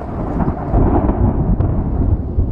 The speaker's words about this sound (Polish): Tak, i odgłosy burzy.